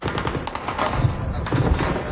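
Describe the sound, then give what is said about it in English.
Rapid bursts of gunfire crackle over a rumbling background, with deep explosive thuds landing now and then, heard in a video shared on social media. The shots are dense, and no one speaks. “In a video on social media, explosions and gunfire can be heard.”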